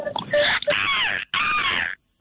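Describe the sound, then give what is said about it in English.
A person imitates a seagull with two loud, high-pitched wailing calls, each sliding in pitch, separated by a brief gap and followed by silence. “It's got a high-pitched, loud seagull.”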